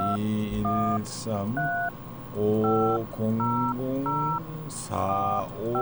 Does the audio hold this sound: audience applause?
no